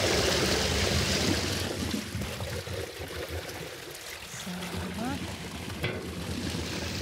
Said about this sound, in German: Ganz schön viel Wasserdruck. Ein Brett lässt sich gerade noch rausziehen.